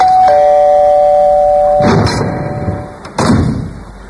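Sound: doorbell ringing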